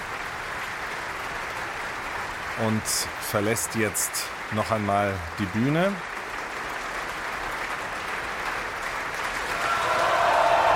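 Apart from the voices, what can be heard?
opera audience applause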